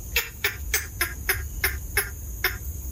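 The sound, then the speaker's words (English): A green heron gives a quick, steady series of about nine harsh, clucking calls, clear over a low background rumble. “David Bird is here to tell us all about the green heron.”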